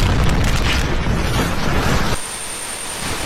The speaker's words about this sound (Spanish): Era el momento de la explosión, cuyas causas todavía se desconocen. Lo que sí confirma la policía es que ha ocurrido en un sector de la base destinado a entrenamiento y a reparación de armas.